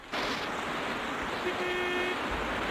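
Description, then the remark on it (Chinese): A small sedan roars up to the bank of the Wu River (Wujiang) near a pontoon bridge with a loud, rushing wash of engine and road noise, and partway through a single steady horn blast honks for about half a second over it. “浮桥上挤满了敌军官兵，那辆小轿车也冲到了岸边。”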